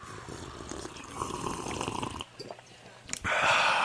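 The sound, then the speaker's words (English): Noisy, wet slurping as hot coffee is sipped from a mug on a count of three, a gurgling draw of liquid that pauses briefly before ending in a louder, breathy slurp. “So, hey, wherever you are, grab your coffee mug and let us together in community and communion take a sip of coffee on the count of three.”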